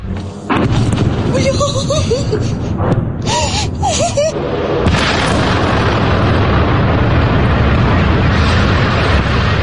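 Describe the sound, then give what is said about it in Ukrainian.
A series of heavy explosions from a night drone attack on Rostov-on-Don, Russia, booms out one after another, loud and rumbling, while people cry out and exclaim between the blasts; a continuous roar fills the background afterward. “Про серію вибухів повідомляли вночі жителі Ростова-на-Дону.”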